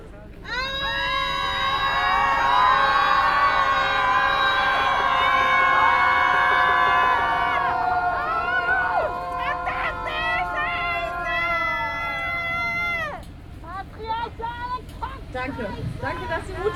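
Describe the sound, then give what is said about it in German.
A group of people scream and wail together in a collective release, a loud, sustained outburst of overlapping voices that lasts several seconds, then breaks into scattered shouts and cries before trailing off. “Nun darfst du im Kollektiv einfach mal rauslassen, was gerade in deinem Körper drin ist. Ein Seufzer, ein Schrei oder einfach weinen.”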